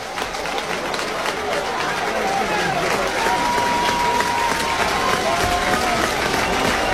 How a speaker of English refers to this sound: Now the crowd's alive. Trying to help McKee.